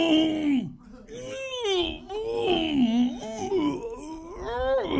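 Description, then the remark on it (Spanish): A voice imitates a ghost's wailing moan, drawn-out and wavering, sliding up and down in pitch across several long, loud swoops with brief breaks between them. “Y por allá escuchó...”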